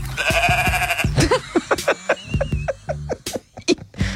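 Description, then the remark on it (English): A sheep bleats: one long, wavering bleat, then a rapid run of short, choppy bleats that sound almost like giggling. “Oh, is that a giggling sheep?”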